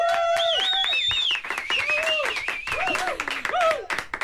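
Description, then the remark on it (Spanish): Several people clap in Studio 3 of Radio Euskadi, guests helping the host with the applause, in a dense, steady burst, with sustained whoops and cheering voices gliding up and down over the clapping for the whole stretch. “Muchísimas gracias, chicos, por venir y por ayudarme con los aplausos, porque yo sola, con el micro en la mano y una sola mano, me arreglo fatal.”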